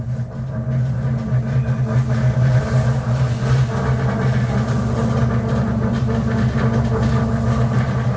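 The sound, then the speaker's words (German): A steady low hum from a train's underfloor engine idling while stationary at Warszawa Stadion station in Warsaw, with strong tonal bands near the bottom and a constant, unchanging drone throughout, loud, no talking. “Kommt hier irgendwie aus dem Boden von dem Zug.”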